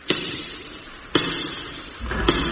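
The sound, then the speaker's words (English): Three loud, separate knocks on the wooden door of a house, outdoors in pouring rain, spaced about a second apart, with a steady background hiss and no voices. “Knock at the door.”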